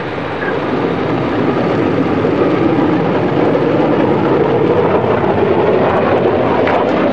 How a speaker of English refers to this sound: Bluebird was set to go. Coniston water smooth as glass. The official timekeepers alerted, Donald Campbell sent the jet hydroplane full out along the measured kilometer.